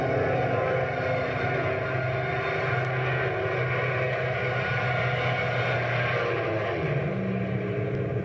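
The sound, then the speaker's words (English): A propeller airplane roars steadily as it dives over a field, its loud engine drone holding constant before the pitch shifts slightly near the end. No voices are heard. “Watch this dive over the field.”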